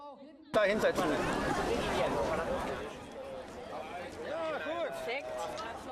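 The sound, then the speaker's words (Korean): A crowd of spectators waiting for a pumpkin boat race on the water to start chatters continuously in a dense, overlapping babble of many voices, with steady loudness and no single voice standing out. “관중들은 하나같이 경기가 시작되길 기다립니다.”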